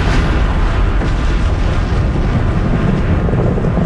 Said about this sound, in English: Bomb was finally released exactly at the designated hour, and the explosion occurred as planned.